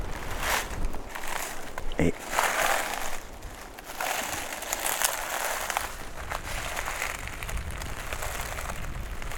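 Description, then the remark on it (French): Footsteps crunch and rustle across the ground of a beech wood with some holm oak on a sheltered slope, the crisp crackling texture shifting as the steps go on, with a brief spoken word near the start and a steady wind hiss underneath. “je voulais vous faire écouter le changement de texture du sol et donc du son.”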